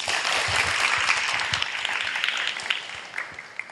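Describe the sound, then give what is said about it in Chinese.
An audience applauds steadily to welcome a company chairman invited to give a teaching, many hands clapping together in a dense, continuous patter that stays fairly loud throughout with no voices over it. “好，下面我来请丁董事长来给大家开示，大家请你掌声。”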